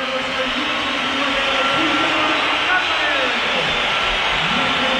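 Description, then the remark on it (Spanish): A stadium crowd roars steadily with a dense, loud wash of whistling and jeering as footballer Julián leaves the pitch, substituted by Ademola Lukman, the noise holding at the same intensity throughout with no clear breaks. “No, algunos no, la que hay una pitada.”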